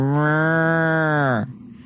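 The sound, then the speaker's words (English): A voice imitates a cow with one long, loud moo that holds steady for over a second, then drops in pitch and cuts off into quiet. “And it sounded like a cow.”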